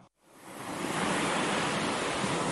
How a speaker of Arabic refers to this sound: لحظة، إحنا بعمان، طيب من وين جاي صوت البحر؟